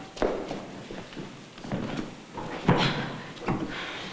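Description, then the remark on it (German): A door opens without a knock, with a few dull wooden knocks and clunks spread over several seconds, followed by soft shuffling movement. “Warum klopfen Sie nicht?”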